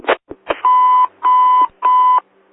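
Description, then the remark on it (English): A few quick clicks, then three loud electronic alert bells at an emergency dispatch, each a steady buzzy ring about half a second long, evenly spaced with short gaps, clear with no talking. “Bells ringing.”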